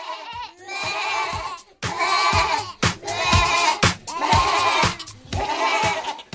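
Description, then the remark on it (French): Goats from Ardèche bleat loudly and repeatedly, about five wavering, nasal cries following one another with brief gaps, with no one talking. “Et justement, revenons à nos chèvres ardéchoises.”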